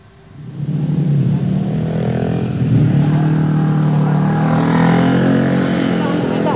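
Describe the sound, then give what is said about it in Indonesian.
A steady roar of evening road traffic, cars and motorcycles, in the Lenteng Agung area of Jagakarsa, South Jakarta, Indonesia, where a collapsed road is being repaired, rising quickly at the start and then holding loud and continuous, with a low engine drone and a few engines revving through it. “kalau tadi perbaikan sementara sudah dilakukan, bagaimana kondisi terkini arus lalu lintas di sana?”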